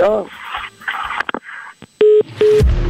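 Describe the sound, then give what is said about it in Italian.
A man talks in a rush, then two steady electronic telephone tones beep in sequence as a prank call is dialed to Lancia Caldaie, each a short flat hum with a brief gap between, loud and clear after the voice stops. “Adesso bisogna completare lo scherzo telefonico chiamando la vecchia veneta Lancia Caldaie.”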